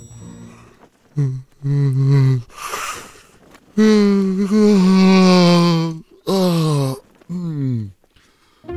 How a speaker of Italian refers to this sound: Resetta il nostro cervello e lo prepara ad essere influenzato. Lo sbadiglio. Avete sentito? Lo sbadiglio serve a manipolare le menti.